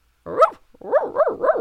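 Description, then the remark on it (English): A dog barks four times: one drawn-out, whiny woof, a short pause, then three quick, evenly spaced barks, fairly loud with no talking. “White dog, what do you see?”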